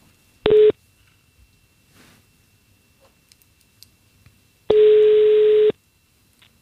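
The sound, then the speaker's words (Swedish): Two telephone ringing tones sound through a phone line as a call is placed to a name expert at the Institute for the Languages of Finland, a short burst followed after a pause by a longer, steady ring, fairly loud with quiet line noise between them. “Jag tänkte att vi skulle försöka ringa upp den största experten på namnfrågor i Svenskfinland”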